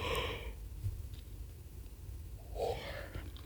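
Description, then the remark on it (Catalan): A person yawns: a breathy intake at the start, a quiet pause, then a drawn-out, slightly voiced exhale near the end. There is no speech. “Mira, és que ara em posaré a badallar.”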